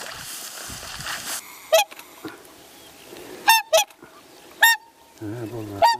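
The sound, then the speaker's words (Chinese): A family of swans in a wetland call in loud, brassy honks, about five bursts, some doubled, spaced irregularly over a faint steady background hiss, with no voices. “告别了天鹅一家，考察队员继续向湿地深处进发。”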